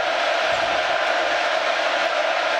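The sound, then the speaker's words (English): A steady, dense roar of a stadium crowd at an American football game involving the Arizona State Sun Devils, on a third down as the quarterback tries to change the play at the line of scrimmage, loud and unbroken for the whole stretch, with no single voice standing out from the wash of noise. “And this is where the crowd noise gets involved.”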